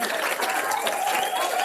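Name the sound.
applause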